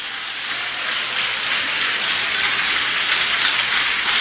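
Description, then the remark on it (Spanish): A crowd at a Spanish-language church sermon applauds the Lord, clapping steadily for several seconds, a dense, even wash of many hands with no pauses and no voices on top. “¡Aplauda al Señor!”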